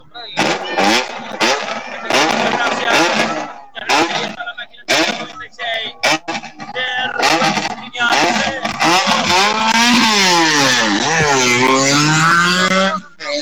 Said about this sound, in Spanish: Coche a la vista, aquí está la máquina 572 de Marcos López. Acaba de arribar al punto de la meta